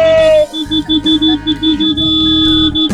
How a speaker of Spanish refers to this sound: Sonidos de bocinas de autos, o de camión, o de colectivos. Hoy bocinazo a pleno.